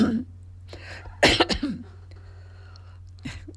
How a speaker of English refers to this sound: So much for the coughs and colds. It is a little bit of that. Sometimes I think perhaps I'm allergic to this place.